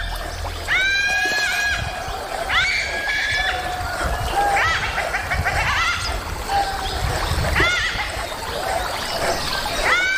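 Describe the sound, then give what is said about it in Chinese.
A pack of dholes shrieks in fear: several high, piercing, overlapping squeals come in repeated bursts over a steady low rumble, loud and agitated throughout. “柴群惊恐地尖叫。”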